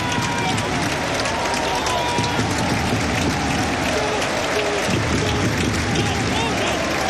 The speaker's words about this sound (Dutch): En we zien ook applaus op de tribune van Michael Verschuur. Voorzitter van Anderlecht aanwezig uiteraard.